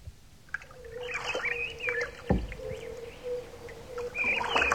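A rowing boat from the Nádos reeds crosses a lake on calm water: steady creaking and gentle splashes from the oars, with a single wooden knock partway through and faint birdsong in the background.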